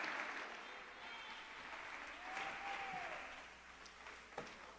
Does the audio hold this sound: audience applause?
yes